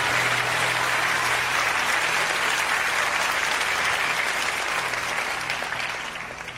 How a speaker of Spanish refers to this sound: Que le dé un aplauso fuerte al Rey de Reyes. Fuerte el aplauso al Rey de Reyes.